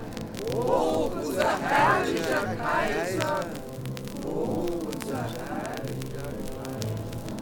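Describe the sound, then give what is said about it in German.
A crowd of people cheers and shouts for the emperor as he walks out in a procession, many voices blending into a loud, steady roar with swelling bursts of raised calls that rise and fall over several seconds. “Der Kaiser hielt sich sehr gerade und das Volk jubelte.”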